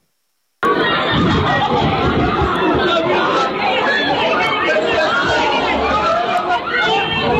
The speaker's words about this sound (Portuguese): Falamos do atropelamento que aconteceu em Albufeira. 16 pessoas ficaram feridas. Um condutor embriagado desobedeceu à ordem de paragem da GNR e avançou sobre esta multidão.